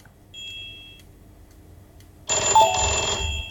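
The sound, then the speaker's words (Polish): An old Bratek 01240 telephone's bell suddenly bursts into a loud, harsh metallic ring that clatters on to the end, preceded by a faint, thin high tone. No one speaks. “Telefon bratek 01240. Czy ktoś z państwa poznaje taki dźwięk?”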